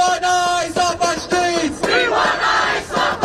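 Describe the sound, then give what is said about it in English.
Hundreds of protesters against ICE in Manhattan's Herald Square, New York City, chant "We want ICE off the streets" in unison, loud rhythmic shouted phrases in a steady cadence, then break into a broad, noisy roar of voices. “Hundreds of protesters in Manhattan's Herald Square shouting, "We want ICE off the streets."”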